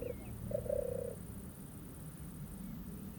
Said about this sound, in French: C'est une tourterelle des bois. Elle est là. Tu vois ?